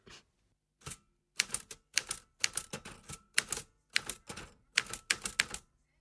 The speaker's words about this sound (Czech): psací stroj nám něco napsal.